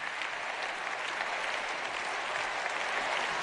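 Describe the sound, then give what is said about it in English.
Sustained, dense applause from a large crowd at the end of a speech by the Bishop of the Canary Islands, José Mazuelos Pérez. It stays steady and loud throughout, with many hands clapping at once and no speech over it. “Very large round of applause at the end of the bishop's speech there.”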